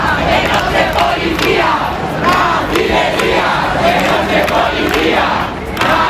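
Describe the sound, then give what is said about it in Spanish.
A crowd of protesters at Puerta del Sol in Madrid shouts angrily and continuously against the National Police, who have detained two people; many voices overlap in a loud, dense roar with rising bursts of yelling and no clear words. “Los gritos contra la Policía Nacional, que ha detenido a 2 personas, eso ha alterado a la gente que protesta en este punto de la Puerta del Sol, y han llegado más refuerzos de la OIP.”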